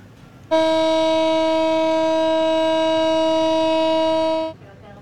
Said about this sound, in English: A siren sounded for 1 minute in Tel Aviv today, marking the third anniversary of the Hamas terror attacks.